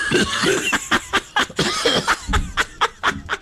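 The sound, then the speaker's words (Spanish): A rapid string of short, sharp coughs, about a dozen in quick succession, loud, with a choppy, almost rhythmic pattern and no talking over them. “Tos exterior.”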